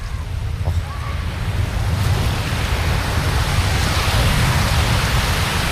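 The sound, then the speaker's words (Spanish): Steady roar of ocean surf washing onto a beach, a broad continuous wash with gentle swells in loudness, fairly loud, with a rumble of wind underneath and no talking. “Yo os voy a dejar con ese sonido maravilloso para que disfrutéis. Venga, va, por favor, sí. Os quiero, desde te la playa también”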